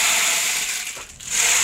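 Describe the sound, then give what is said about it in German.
A percussion instrument gives off a dense, steady rattling hiss like a rainmaker, a bright shower of tiny clicks that briefly thins out before swelling back. No one speaks. “Ja, es ist eigentlich ein Percussion-Instrument. Das kann man auch kombinieren. Genau. Oh, oh. Klingt wie ein Regenmacher, so ähnlich ist es auch.”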